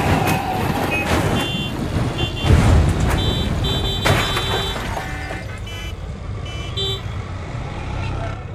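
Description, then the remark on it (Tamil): A heavy lorry coming ahead on the road rumbles in busy traffic, its horn sounding in short toots alongside repeated high electronic beeps, with a louder surge of engine noise midway and faint voices underneath. “ஏ முன்னாடி லாரி வருது, லாரியை பார்த்து.”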